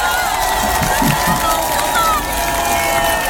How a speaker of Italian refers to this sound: Accolgo su questo palco e vi prego di accoglierlo con un applauso, perché non è il sindaco oggi, non è solo il sindaco, è un collega, è un musicista, è uno di noi, Roberto Gualtieri.